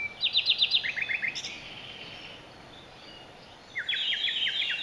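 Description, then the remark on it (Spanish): A common nightingale sings in rapid, repeated trilling phrases, bright and high-pitched, with a pause in the middle before another burst of fast notes; no voices. “El ruiseñor común, el rossinyol, es capaz de imitar unos 60 cantos diferentes tras escucharlos apenas unas cuantas veces.”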